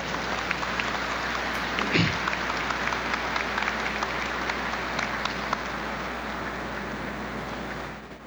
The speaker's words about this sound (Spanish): Y es más, como sé que algunos de ellos puede ser que nos estén estar viendo, se van a conectar con nosotros desde aquí, vamos a darle un fuerte aplauso, decirle que estamos con ellos y que ellos están aquí con nosotros.